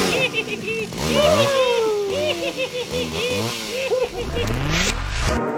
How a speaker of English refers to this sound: And now for the best part of all. Chase me out of the house with your chainsaw.